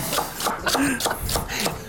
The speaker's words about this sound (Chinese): 好，我们切完这个芹菜之后，一样也是丢进来哈。